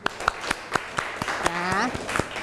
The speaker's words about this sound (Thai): โอเคปรบมือเพื่อนหน่อยค่ะ